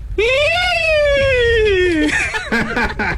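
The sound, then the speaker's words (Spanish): A person imitates a horse whinny with a long, high, quavering vocal note that rises and slowly falls, then breaks into short choppy bursts like snorting laughter. “O sea, pues, ¿cómo le hace el relincho de un caballo? A ver, hazle tú.”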